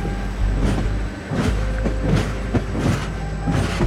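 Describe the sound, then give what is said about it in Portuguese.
The Lusitânia Express train from Lisbon to Madrid rumbles steadily along the rails at 8 p.m. on 25 November 1966, a low continuous drone punctuated by regular rhythmic clacks of wheels over track joints, with no voices. “Por isso, às 8 da noite de 25 de novembro de 1966, Armanda Palhota senta-se no Lusitânia Expresso, o comboio que a vai levar de Lisboa até Madrid, para depois seguir de avião para Havana.”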